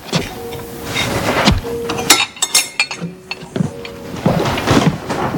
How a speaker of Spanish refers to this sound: Voy a limpiar estos platos. Disculpa, déjame tomar eso.